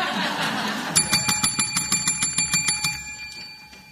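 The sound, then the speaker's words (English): A school bell rings in a quick, even burst of about a dozen bright metallic strikes over two seconds, then its tone lingers and fades, following a moment of muffled background noise. “We're not at the final bell yet.”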